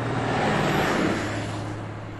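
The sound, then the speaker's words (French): A bus engine rumbles on American roads with a steady low drone and broad road noise, gradually fading slightly as the vehicle pulls away. No voices are heard. “je vous propose de repartir avec le bus de Coast to Coast sur les routes américaines”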